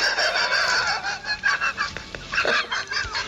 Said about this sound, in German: ein Zuchthuhn, ich bin Geflügelzüchter.